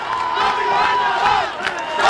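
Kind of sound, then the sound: crowd, crowd shouting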